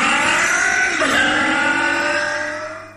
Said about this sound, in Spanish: Por más frío que haga, que su auto arranque sin problemas. Agregue TIR al agua del radiador.